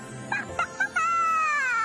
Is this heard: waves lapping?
no